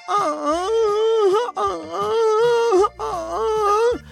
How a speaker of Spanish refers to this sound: ¿Y eso? Es grito de dolor. Ay, güey.